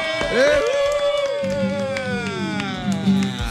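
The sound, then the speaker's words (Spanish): A lively burst of clapping mixed with rising whoops and cheers welcoming guests to the show's table, fairly loud, carrying steadily for a few seconds with no one speaking. “Vamos a darle un fuerte aplauso, una bulla.”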